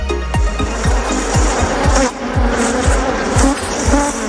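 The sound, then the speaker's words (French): A dense, steady buzzing of a swarm of bees in Burgundy, loud, with a regular low thump pulsing underneath about twice a second. No one speaks. “Les abeilles font la beauté de la Bourgogne et du festival Pomme d'Api qu'on vous présente maintenant.”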